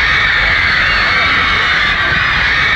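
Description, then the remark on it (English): A loud, steady roar of a live audience, cheering and shouting blended into one continuous wash of crowd noise that holds without a break. “Just listen to that audience.”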